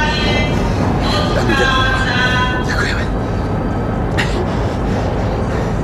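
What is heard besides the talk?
train starting to move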